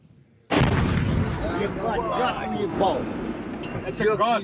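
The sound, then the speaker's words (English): After a brief quiet moment, a sudden, heavy explosion erupts as a Ukrainian drone hits a residential building in a town in Tatarstan, Russia, turning into a loud, sustained rumble, while excited voices shout and talk over the roaring aftermath. “This is the moment a residential building was hit in a town in Tatarstan.”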